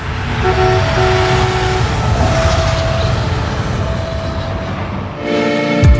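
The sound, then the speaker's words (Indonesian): A train rumbles loudly and steadily past a level crossing, with a few horn blasts sounding over the clatter and a stronger, fuller horn blast near the end. “Iya dong, jadi masih mau menerobos palang pintu kereta api.”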